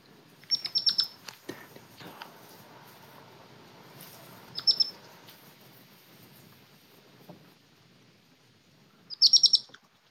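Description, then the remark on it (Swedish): A baby hedgehog in a garden chirps to its mother, giving high, squeaky chirps in three short bursts of rapid peeps, spaced several seconds apart, over faint outdoor rustling and background noise. “Alltså det lät ju när en av ungarna kvittrade till sin mamma.”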